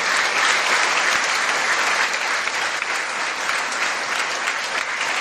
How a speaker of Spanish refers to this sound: Y es lícito, ¿verdad?, que también, así como le dimos aplausos a nuestra Madre Santísima, también en agradecimiento, pues un aplauso también a nuestro sacerdote,